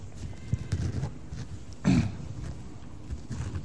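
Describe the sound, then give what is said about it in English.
A worn-out car engine idles with a low, uneven rumble, then lets out one brief, rough growl midway, like a big cat clearing its throat, before settling back. “Ach nee man, my bucket just made a noise like a lion clearing its throat.”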